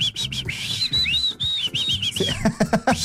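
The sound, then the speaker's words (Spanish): A person whistles with their mouth, a clear warbling tune of rising and falling notes for a couple of seconds, followed by a few short rustling knocks. “¿Usted sabe chiflar?”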